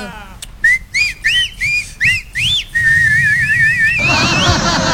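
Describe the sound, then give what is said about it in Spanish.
A person walking below a window whistles loudly up at it: six short, swooping up-and-down notes in quick succession, then a long warbling whistle that rises at the end. No one speaks. “Cuando paso caminando debajo de tu ventana, te echo un grito.”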